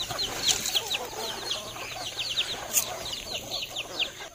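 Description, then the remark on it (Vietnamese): A flock of free-range chickens clucking outdoors on green tree-covered hills in Việt Lâm commune, Tuyên Quang province, Vietnam, with many overlapping chirpy calls in a steady, busy chatter and no one speaking. “Thưa quý vị, dưới những đồi cây xanh mướt của xã Việt Lâm, tỉnh Tuyên Quang, những đàn gà được chăn thả tự nhiên đang trở thành nguồn sinh kế của nhiều hộ dân.”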